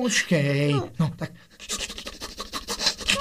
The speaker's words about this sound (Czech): Ale no, co to děláš, pejsku, ty čicháš a zároveň kropíš.